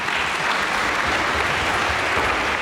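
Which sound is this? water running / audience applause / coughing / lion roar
audience applause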